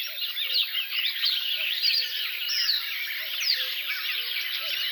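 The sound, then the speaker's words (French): A dense, continuous chorus of bright, chattering marsh warbler song fills the air, with a cuckoo's soft, low calls repeating faintly beneath it. No one speaks. “Coucou et Rousserolles Verderolles.”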